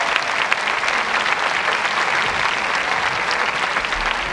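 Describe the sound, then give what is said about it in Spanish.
A large audience claps steadily, a dense, even wash of applause that stays loud and sustained throughout with no voices standing out. “Y un aplauso a quien hizo posible esto,”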